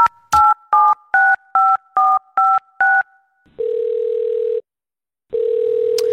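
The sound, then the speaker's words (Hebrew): A quick run of seven touch-tone dialing beeps, each a short two-tone blip, followed by a steady buzzing ringback tone that sounds twice with a pause between, loud with no voices, as a telephone call is placed from a radio studio. “ואנחנו נסיים עם המקום הראשון הישראלי החדש שלנו בשיחת טלפון.”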